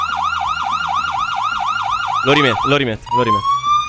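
A loud police siren wails in rapid, repeating up-and-down sweeps, then shifts into harsher yelping bursts before a rising tone; no one speaks over it.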